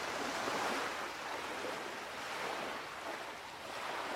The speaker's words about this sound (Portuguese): Se te concentrares, consegues ouvir o mar. Escuta as ondas a aproximarem-se da praia.